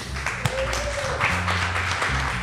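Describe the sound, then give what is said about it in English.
An audience applauds the Silab team in a steady, dense wash of clapping that holds at an even level throughout, with a few sharper claps and some voices mixed into the noise. “Et puis, évidemment, à toute la team de Silab qu'on applaudit.”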